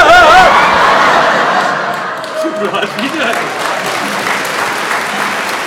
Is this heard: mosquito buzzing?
no